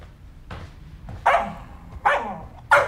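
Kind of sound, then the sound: animal, dog barking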